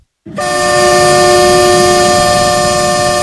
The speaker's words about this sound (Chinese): 在义乌铁路西站，一列满载日用百货、汽车配件、机械设备等货物的浙江中欧班列一星欧缓缓驶出，经满洲里口岸出境，驶向俄罗斯。